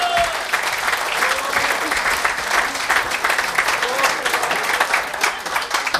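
An audience claps steadily for about six seconds as a guest is welcomed onto the stage, a dense, even wash of many hands at a constant moderate loudness, with no voices standing out.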